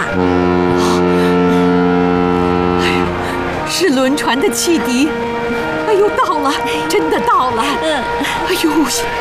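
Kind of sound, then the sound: vehicle, steamship whistle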